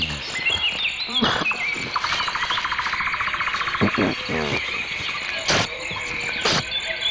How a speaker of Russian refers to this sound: Да, ну вот слышите, я вот тут навеки запечатлелся в компании наших певчих свиристелей, дроздов, зябликов, жаворонков.